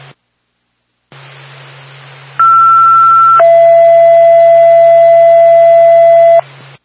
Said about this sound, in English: Twin States to Bethlehem Fire Department. Stand by for a second tone.